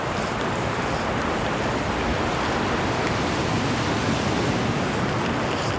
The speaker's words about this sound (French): Des rafales de vent.